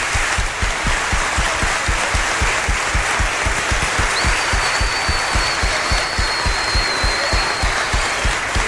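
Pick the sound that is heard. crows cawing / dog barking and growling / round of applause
round of applause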